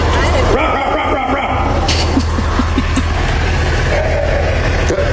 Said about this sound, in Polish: I to odszczeknięcie to nie był piesek, tylko to właśnie była żaba, więc ja na początku myślałam, że to są jakieś jaja, ale okazuje się, że nie.